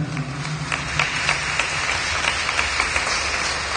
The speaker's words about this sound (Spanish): Demos palmas por nuestra hermana.